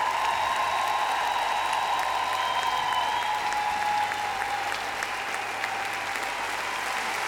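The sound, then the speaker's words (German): Sustained applause from an audience for the band at a show in Berlin fills the whole stretch, a dense steady crackle of many hands clapping at an even, loud level with no voices rising above it. “Und einen großen Applaus für die Herrschaften, die richtig Vollgas gegeben haben, unter der Leitung von Florian Böker, unsere Band.”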